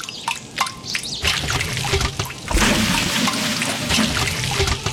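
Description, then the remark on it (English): Water trickles and drips steadily, with small splashes and a continuous liquid babble that grows fuller and slightly louder halfway through. No voices are present. “Water. It's the start of everything.”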